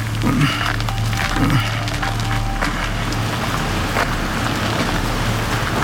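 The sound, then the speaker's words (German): Wind rustles through tree leaves in a steady, continuous wash, with a low rumble beneath and occasional faint woody creaks and snaps; no voices. “Nur der Wind bringt die Blätter zum Rauschen.”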